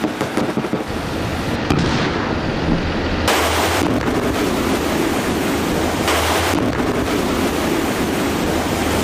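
A loud, continuous roar of strong wind and churning sea waves, swelling in two heavier surges partway through, with no voices. High wind and rough waves at sea during a military amphibious armored vehicle live-fire exercise.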